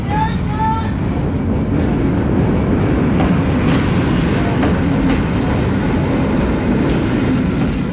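A train rolls past, its heavy steady rumble filling the whole stretch with wheels clattering over the rails, and a brief high metallic squeal at the very start.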